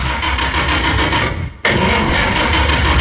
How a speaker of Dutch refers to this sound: En wie start daar de motor? Wat is hier aan de hand? Wat is hier aan de hand dan?